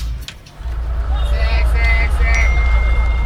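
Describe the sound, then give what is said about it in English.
A phone notification ding chimes twice, bright and clear, over a steady low rumble like traffic, with faint indistinct chatter in the background. “notifications.”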